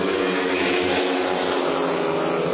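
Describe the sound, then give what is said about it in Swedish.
Several loud speedway motorcycle engines roar together at full throttle, a dense, continuous buzzing blare, during the first heat of a speedway meeting between Västervik and Lejonen at Ljungheden in Västervik, Sweden, with no voices. “Motorbrunn från Ljungheden i Västervik, det är just nu ledning för Mattias Tjernak, en av lejonförarna som kamperar ihop med landsmannen Robert Schmid som har det desto kärvare just nu, 3-3 läge halvvägs in i heatet.”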